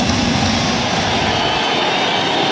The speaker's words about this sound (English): And a full count. Muncie is 0-6 in his career against Lee. And a crowd rising here at Dodger Stadium.